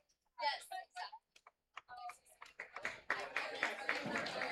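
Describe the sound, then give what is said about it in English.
A voice is heard briefly, then the crowd at a baseball game, with San Jose leading 1-0, breaks into applause after a player hit by the ball gets medical attention: dense, crackling clapping that swells quickly and holds steady and fairly loud until the end. “Well, the fans are giving a round of applause.”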